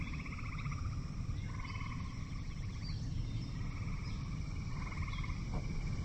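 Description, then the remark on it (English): A dense chorus of frogs croaking at night, overlapping pulsed trills and rattling calls repeating steadily over a constant low rumble, with no voices present. “Night has fallen now, and the soundscape is now dominated by frogs.”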